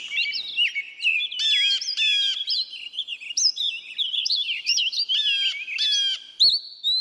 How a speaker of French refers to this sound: Les oiseaux que vous entendez sont ceux des fourrés près de Walden, là où Henry David Thoreau a construit sa cabane, Walden étant un petit lac dans le Massachusetts.